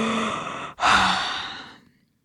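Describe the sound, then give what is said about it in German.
A breathy yawn voiced by a person for a rooster sitting high on its perch: a drawn-in breath, a brief pause, then a longer, slightly voiced exhale that trails off into silence, with no other sounds around it. “der Hahn, sitzt hoch oben auf seiner Stange und gähnt.”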